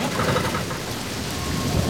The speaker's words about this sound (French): Les camions roulent. Le ciel est noir. La pluie continue de tomber.